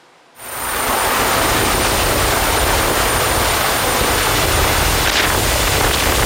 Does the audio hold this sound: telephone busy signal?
no